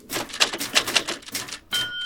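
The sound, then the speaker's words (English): A dense, continuous clatter of the keys of 30 typewriters hammering away at once in a big company's typing office, loud and busy, with a brief ringing tone near the end. “The company has 30 typists, all women. It's a very boring job, and it's very loud. Imagine, 30 typewriters.”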